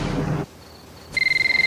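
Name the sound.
telephone ringing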